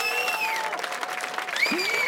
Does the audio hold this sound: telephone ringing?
no